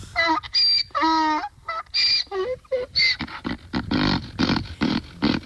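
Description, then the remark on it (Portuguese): A donkey brays loudly, a run of harsh honking calls see-sawing in pitch that trails off into rapid, raspy wheezing gasps, with no one talking. “Cadê meu jumentinho? Jumentinho Roquim. Cadê jumento? Olha aí.”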